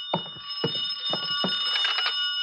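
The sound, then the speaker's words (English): A telephone's electronic ringing tone sounds steadily from inside room 309, heard from outside the door, with a series of short muffled knocks or footsteps thudding underneath at regular intervals. No one speaks. “I could hear the phone ringing from somewhere inside, so I waited to see if anyone answered it.”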